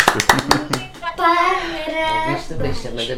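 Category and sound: crowd, hand clapping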